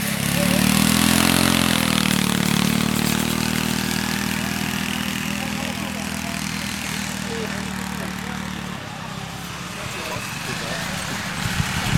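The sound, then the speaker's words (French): A small ride-on lawn mower engine runs loudly during a ride-on lawn mower race, a steady buzzing drone with a slight rise in pitch early on, then cutting to a rougher, choppier idle near the end. “Tu connaissais les courses de tracteurs tondeuses?”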